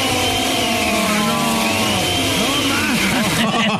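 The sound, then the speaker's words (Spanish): A blender runs loudly and steadily, its motor giving a dense, buzzing whir with a wavering whine, while voices shout over the noise. “Todo este tiempo, chicos, estuvo prendiendo la licuadora en otra casa.”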